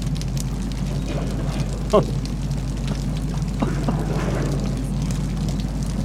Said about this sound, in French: Un bruit de l'eau, hein. Comme une cascade.